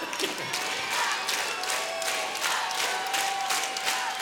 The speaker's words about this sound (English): Thanks. Thank you. Thank you to the 50 people here that shouted that. Appreciate that.